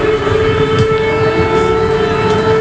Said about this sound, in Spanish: Desde que el jueves sonaran las alarmas antiaéreas en la zona fronteriza entre Polonia y Ucrania, en las cancillerías europeas no dejan de repetir que algo se está cociendo.